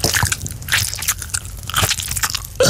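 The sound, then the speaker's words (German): Loud, crackly crunching of someone munching on peppermint tea bags, a quick irregular run of dry bites and chews with no talking, ending on a sudden steady burst of noise. “Pfefferminzteebeutel naschen?”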